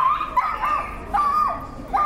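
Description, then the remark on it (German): A small dog barks loudly at a festival in a rapid run of high, sharp yips, about six in two seconds, with no talking. “Es ist unglaublich, wieso kleine Hunde so einen Krach machen können.”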